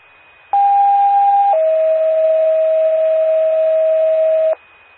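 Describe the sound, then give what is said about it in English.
Dispatch radio paging tones, paging out Bullitt ALS ambulance to an overturned semi on I-55 northbound at mile marker 43: a steady, loud electronic tone holds for about a second, then drops to a slightly lower pitch that sustains for roughly three seconds before cutting off. No voices. “Can you page out Bullitt ALS, please?”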